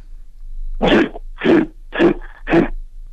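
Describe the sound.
A person imitates a grizzly bear with four rough, throaty growls, evenly spaced about half a second apart, each a short, harsh burst of equal loudness with no talking.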